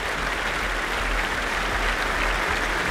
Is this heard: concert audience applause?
yes